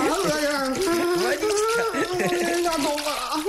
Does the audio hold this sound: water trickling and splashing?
yes